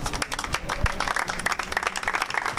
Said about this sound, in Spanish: Con aplausos acababa el minuto de silencio en la sede de Bilbao